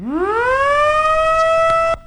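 A loud siren winds up from a low pitch and holds a steady, sustained wail, heard alone with no voices, before cutting off abruptly near the end. It sounds after President Prabowo Subianto presses the button inaugurating five dams across Indonesia, at the ceremony in Lombok, West Nusa Tenggara.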